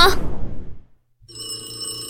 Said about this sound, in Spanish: Anacleto, contesta ese teléfono. No puedo, jefe. Estoy estudiando. Tú, Demetrio. Yo tampoco puedo. Estoy haciendo mi tarea. ¡Pánfilo! ¡Contesta el teléfono!